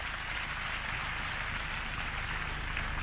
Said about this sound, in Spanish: lo aplauden, lo quieren mucho a don Orese.